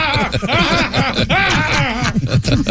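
A voice mimics a slide whistle, looping through rapid rising and falling pitch glides in a continuous, loud, wordless stream for about three seconds.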